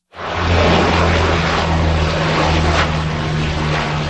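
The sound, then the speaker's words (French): A Canadair firefighting propeller plane drones loudly and steadily overhead while fighting a wildfire in Gironde, France, around Lège-Cap-Ferret, its deep engine hum and broad roar holding for a few seconds with no voices. “Des avions, dont des Canadair, effectuent des largages sur de larges zones.”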